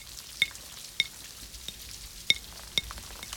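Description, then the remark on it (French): Rain patters against window glass: a steady soft hiss broken by a handful of sharp, bright ticks as individual drops strike at irregular intervals. “Les gouttes glissent sur les vitres.”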